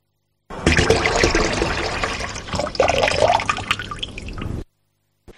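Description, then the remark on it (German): A water tap runs steadily for about four seconds, a full rushing stream with a slight rising gurgle partway through, then shuts off abruptly. No voices. “Zu hören gab es einen laufenden Wasserhahn.”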